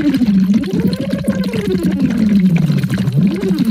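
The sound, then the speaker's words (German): Continuous bubbling as air is blown through a hose into a glass of water or a small bottle for two minutes as a voice exercise, with a hummed voice sliding up and down in pitch underneath the gurgling throughout. “Also schließt die Stimme und dann versuchen wir so lange wie möglich dieses beizubehalten und wenn das dann irgendwann wieder aufhört, dann nehmen wir wieder den Schlauch und das Glas Wasser oder die kleine Flasche und dann blubbern wir 2 Minuten.”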